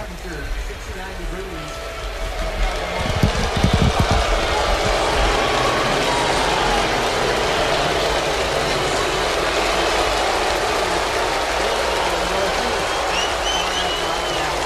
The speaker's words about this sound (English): Well, half standing and clapping, and as you can hear, plenty of boos. That's kind of what I expected.